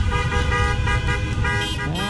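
Car horns honk continuously in a loud, overlapping din, several tones blaring together over a rumble of engines: a late-evening motorcade in Hamm city centre, Germany, where local Bosnians celebrate Bosnia-Herzegovina's 3:1 win over Qatar at the football World Cup.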